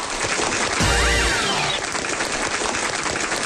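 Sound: applause and cheering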